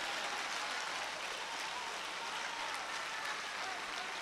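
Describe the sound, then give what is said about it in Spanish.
An audience applauds for the Lord, many hands clapping in a dense, steady wash of sound that holds at an even level for several seconds, with no voices standing out. “Un aplauso al Señor.”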